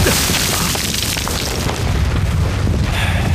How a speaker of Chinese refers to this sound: 命令，炮击，开始。